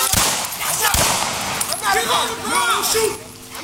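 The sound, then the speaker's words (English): Two sharp, loud gunshots crack out within the first second, about a second apart, as police officers shoot a rampaging, biting dog during a melee on Warwick Street, followed by raised voices and shouting over a harsh, noisy background, on police body camera footage. “Shots can be heard.”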